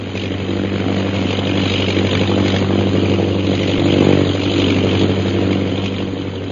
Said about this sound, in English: The plane's circling the camp. It'll be over us again in a minute.